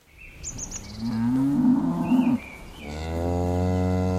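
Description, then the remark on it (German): About 40 Pinzgauer cows, with characteristic markings on chestnut-brown coats, moo in long, low overlapping calls, one drawn-out bellow followed by another, with high bird chirps in the background, on a mountain pasture behind a farm in Teisendorf, Berchtesgadener Land district. “40 Pinzgauer Kühe, alle mit der charakteristischen Zeichnung im kastanienbraunen Fell”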